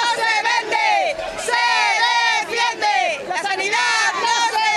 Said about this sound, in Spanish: Y a todo esto, más de 1.000 personas, según los convocantes, salieron este sábado, este fin de semana, al grito de la sanidad no se vende, se defiende. Lo hicieron en una marcha por el centro de Santander.